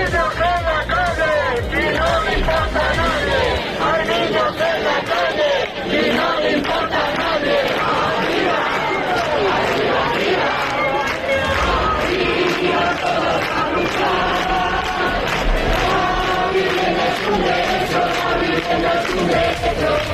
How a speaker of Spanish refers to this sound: A esta hora miles de personas continúan agolpadas en el corazón de Madrid, en la Puerta del Sol, donde cientos de tiendas de campaña llevan instaladas del sábado por la noche.